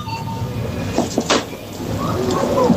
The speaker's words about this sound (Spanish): Una máquina de dispensar, sí, de alimentos, vending, ¿no? Refrescos, de vending. Echas pero con monedas. Escucha bien, monedas, escucha sí, bien, sí, sí. Escucha bien.